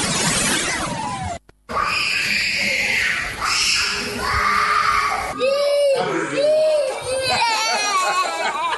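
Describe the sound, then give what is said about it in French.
Young preschool children scream and cry loudly on their first day at school, refusing to stay in class, high wailing voices overlapping continuously, with a brief cut near the start and busy background chatter. “Des cris, des larmes, des refus de rester en classe.”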